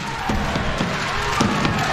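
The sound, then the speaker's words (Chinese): A crowd of spectators at a table tennis match roars and cheers in a steady, dense wash of noise, with a few sharp thumps and claps breaking through now and then. “这点燃了现场的观众，这种紧张的情绪拉得挺满的。”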